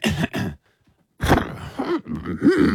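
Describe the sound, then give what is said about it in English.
A person vocally imitates an elephant, starting with two short groaning bursts, then a brief pause, then a longer run of strained, wavering cries, loud. “Can you give it what you would do if you were that elephant?”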